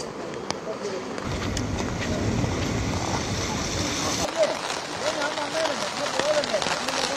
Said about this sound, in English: Overnight, yes, it witnessed heavy rainfall, but we were expecting it to ease from today morning, but that's not the case. It's been continuously raining, heavy rainfall witnessed across the state.